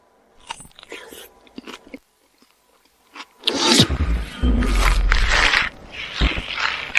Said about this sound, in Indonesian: baru saja makan buah persik dan sekarang dia jadi kekar.